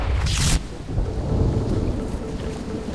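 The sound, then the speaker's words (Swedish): Heavy rain pours down steadily on the streets of Paris on a spring day in 1906, with a deep, rumbling roll of thunder, while a sharp bright burst of rain or crackle flares up loudly at the start before settling into a constant downpour. “Regnet öser ner över Paris gator. Det verkligen piskar mot Pierre Curie”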